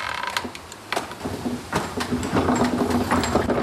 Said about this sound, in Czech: Já vám rozjedu měch.